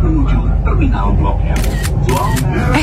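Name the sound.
camera shutter clicking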